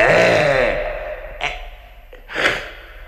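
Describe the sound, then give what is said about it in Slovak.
A voice, a joiner acting as the lion in a play, imitates a lion's roar: a loud, rough, drawn-out growl that sinks in pitch, followed by two short, breathy huffs. “Vy fajné dámy, ktorým srdce trepe, keď mrzká drobná myša v izbe motúľa, mohli by ste sa zlaknúť veľkolepe, keď strašlivo tu zreve levia papula.”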